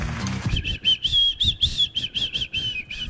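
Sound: person whistling a tune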